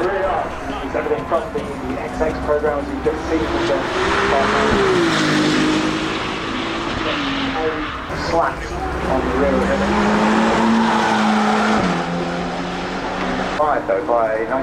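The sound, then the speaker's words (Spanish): Loud Ferrari racing car engines rev continuously, their high, buzzing pitch climbing and dipping in two long sweeps, with a dense roar filling the background throughout. “Pero primero, por favor, escuchemos más los motores de esta maravillosa marca de Ferrari.”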